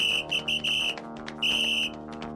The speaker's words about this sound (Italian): Non si può dormire in pace con questo fischio qua.